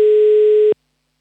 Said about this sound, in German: So, ich habe hier schon wieder einen Anmeldezettel ausgedruckt und ich wähle hier schon mal eine Telefonnummer und hoffe, dass auch gleich jemand abhebt. So, schauen wir mal.